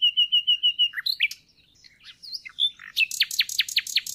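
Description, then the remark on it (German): Bright bird song: a steady series of repeated high whistled notes, then a jumble of varied chirps, ending in a quick run of sharp descending trills. No voices. “Die Freiheit der Vögel, ihr buntes Gefieder und ihr Gesang haben schon immer den Vergleich zwischen Mensch und Vogel herausgefordert.”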